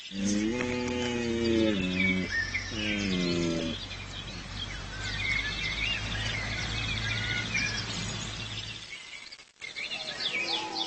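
Two loud, harmonic male deer mating calls, each lasting about a second, made to attract females, sound over a steady low rumble, with birds chirping and twittering in the background throughout.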